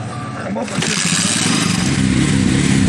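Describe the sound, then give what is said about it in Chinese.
Several motorcycle engines rev loudly and pull away together, the roar swelling after a brief moment and holding steady, with indistinct voices mixed into the noise: villagers of Shangmangling village riding motorcycles out of the village, across fields, toward Mangcuo Lake for the monthly mountain litter pickup. “确认完人数，村民们便会驾驶着摩托车离开村庄，穿过田野，向着莽措湖出发。”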